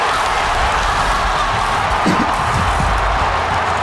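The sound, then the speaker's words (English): A huge stadium crowd roars after a match-winning goal, a sustained, dense wall of cheering that stays loud and steady throughout, with no individual voices standing out. “Might be the loudest crowd we've heard in a long, long time.”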